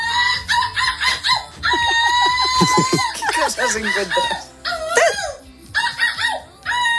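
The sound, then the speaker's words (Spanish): A young woman from Vigo, silver medallist in an international seagull imitation contest, mimics seagull calls in a loud series of shrill, yelping cries with sliding pitch, repeated in rapid bursts, with a short spoken question briefly heard. “Pendiente de otras cosas, porque tenemos a una joven viguesa que ha ganado la medalla de plata en un concurso internacional de imitación de gaviotas.”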